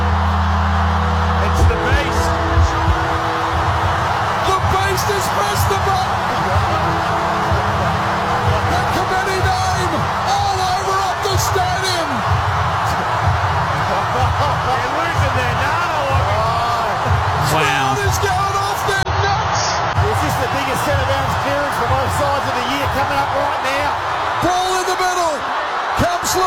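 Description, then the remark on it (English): A stadium crowd roars at a football match involving Fremantle, a loud, dense, unbroken wall of voices with a steady rhythmic low pulsing and scattered whoops and shouts rising above it. “Listen to the crowd.”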